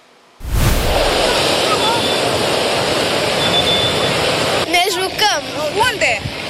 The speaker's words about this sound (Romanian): În sud, marea este interzisă, vântul puternic a ridicat steagul roșu, iar valurile periculoase îi țin pe turiști blocați pe nisip.